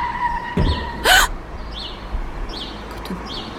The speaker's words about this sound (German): Oh nein, das darf doch nicht wahr sein. Sie haben den Hund angefahren. Ich bin hier einfach nur entlang gefahren, als er plötzlich vor meinem Wagen auftauchte. Oh, da konnte ich nicht mehr reagieren.